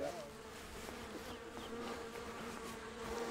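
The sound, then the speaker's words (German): A dense, steady drone of many honeybees buzzing around an open hive, continuous, with overlapping wingbeat hums swelling slightly as individual bees pass, while a mother and daughter learn to handle the bees from a neighbour. “Gemeinsam mit ihrer Mutter lernt sie von einem Nachbarn den Umgang mit den Bienen.”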